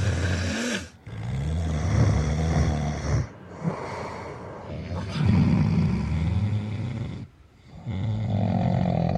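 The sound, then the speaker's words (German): Loud, heavy snoring recorded during a Swiss Army military service, with deep rasping, rumbling snores repeating every couple of seconds and brief quiet pauses between breaths. No one speaks. “Heroische Schnarcher übertönen leicht die mäßig und schweren und sollten daher nur in effektgeladenen Nächten kombiniert werden.”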